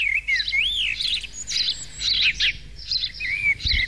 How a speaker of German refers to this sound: Alle fragen sich gerade, warum hier dieses Vogelgezwitschere läuft.